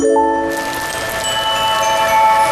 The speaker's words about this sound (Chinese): 我正式宣布，终于下雨了！ 下雨了！